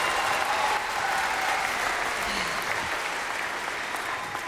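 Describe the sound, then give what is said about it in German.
Steady audience applause for a percussion player who also plays special instruments such as a flute, a dense wash of many hands clapping at an even, sustained level throughout with no speech over it. “Applaus bitte.”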